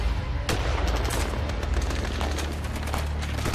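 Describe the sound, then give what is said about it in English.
Heavy gunfire rattles on without pause, rapid overlapping shots cracking over a deep rumble, loud and dense, like a sustained battle with no voices; intense gunfire in the early hours of December 12th as the Xi'an Incident unfolded, heard by Agnes Smedley. “In the early hours of December 12th, Agnes Smedley was awakened by the sound of intense gunfire.”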